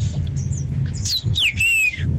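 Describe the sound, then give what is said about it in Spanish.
A bird squawks in a series of sharp, high chirps and sweeping whistles, fairly loud, over a steady low rumble of background noise. “¿ese que puso el pájaro?”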